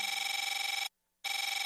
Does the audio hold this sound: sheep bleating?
no